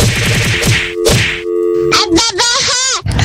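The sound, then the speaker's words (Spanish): A cartoon knock-on-the-head sound effect, played on request as a 'shower of cocazos' (knocks on the head) for a father: a few quick, loud thwacks followed by warbling, sliding whistle-like tones, then a final bonk at the end. “Y una lluvia de cocazos para su papá, el Moisés Olmos.”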